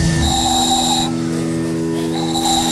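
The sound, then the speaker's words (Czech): A small handmade ball-shaped whistle is blown at a town festival in Pernink, Czech Republic, in two sustained, shrill tones. The first lasts about a second and the second starts after a short pause, over a steady background hiss with no talking. “Vyrábil jsem tady takový kuličky, do toho se fouká a se toho robí taková píšťalka.”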